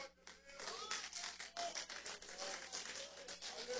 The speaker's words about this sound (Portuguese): Pode se assentar, exalta o Senhor com palmas.